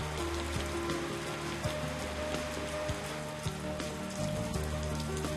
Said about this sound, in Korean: 잔뜩 흐렸던 하늘이 결국 비를 뿌립니다. 우기인 요즘 쏟아지는 열대 소나기 스콜은 이 마을 사람들에겐 반가운 선물이기도 합니다.